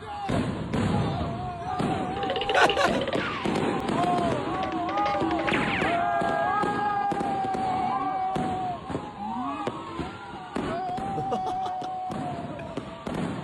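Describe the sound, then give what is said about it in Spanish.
Fireworks set off by Argentines in a New York street crackle and bang in a dense, irregular barrage of loud pops. Wavering whistling tones rise and fall over the din, with a crowd's voices mixed underneath. “Unos argentinos tiraron fuegos artificiales en la calle de Nueva York y los canas salieron corriendo.”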